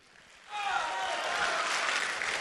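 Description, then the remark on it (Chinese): A crowd breaks into steady, loud applause after a brief quiet moment, the clapping sustained and dense with no voices standing out, as an audience welcomes a crosstalk comedy performer onto the stage. “哎呀，我怎么觉得今儿这掌声不太对劲儿啊？”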